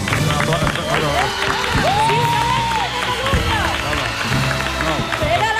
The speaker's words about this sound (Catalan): Estan aplaudint perquè he dit el nom sense mirar cap paper i m'ha sortit bé.